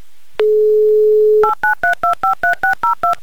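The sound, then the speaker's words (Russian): A steady dial tone sounds for about a second, then eleven quick, evenly spaced touch-tone beeps follow as a phone number in the town of Buzluk is keyed in, each a short two-note chirp at a loud, even level. “Звоним в город Бузлук, звоним Евгению прямо сейчас.”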